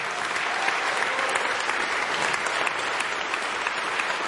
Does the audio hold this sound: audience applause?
yes